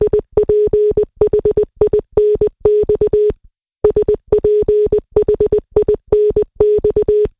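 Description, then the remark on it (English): Clear, loud Morse code beeps in a steady mid-pitched tone spell the word Sphinx, short dots and longer dashes grouped into letters, sounding the word once, a brief pause, then the same sequence again. “That is the word Sphinx repeated twice in Morse code.”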